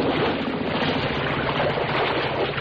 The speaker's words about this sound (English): Uh-oh. The motor's died, and the boat's drifting.